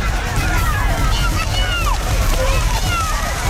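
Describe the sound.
Continuous loud wet sloshing and splattering of mud as racing cattle are driven through a muddy arena, clumps of mud flying in all directions, with a steady low rumble beneath and faint shouting of jockeys in the background.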